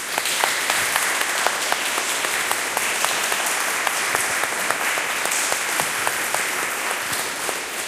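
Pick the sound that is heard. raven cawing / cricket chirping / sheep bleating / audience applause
audience applause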